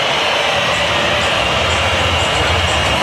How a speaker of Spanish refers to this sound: escuchen, escuchen la silbatina del público.